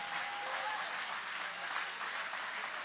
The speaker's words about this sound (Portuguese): Grita glória a Deus. Isso, podem aplaudir. Aleluia!